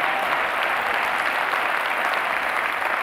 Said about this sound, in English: One more time, give him a big round of applause.